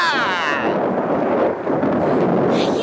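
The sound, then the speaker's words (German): Volcanoes erupt in a loud, continuous roaring rumble, thick with crackling bursts and blasts, while a brief wavering tone rings out over the noise at the start; one, on the first island, spews fire as glowing masses pour over its rim. “Hilfe! Die Vulkane brechen aus!”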